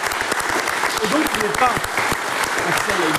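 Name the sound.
applause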